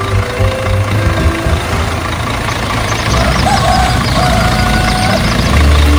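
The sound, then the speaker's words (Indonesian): An open-bed truck, ready to carry passengers, idles steadily with a low, throbbing engine rumble that holds constant throughout, a faint mechanical whine rising briefly in the middle. “Uniknya lagi, kendaraan yang dipilih bukan mobil mewah, melainkan sebuah truk dengan bak terbuka yang siap mengangkut para penumpang, lengkap dengan cerita, tawa, dan tentu saja gosip yang akan mengiringi perjalanan sepanjang jalan.”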